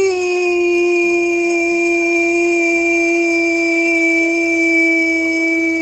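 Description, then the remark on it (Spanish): A greyhound howls in one long, unbroken note that holds steady and sinks slightly in pitch, loud, with nothing else audible around it. “Menos con el perrito galgo, que a él todavía le duele.”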